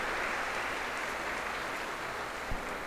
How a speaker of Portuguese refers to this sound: Uma salva de palmas para os aniversariantes, parabéns, Deus abençoe.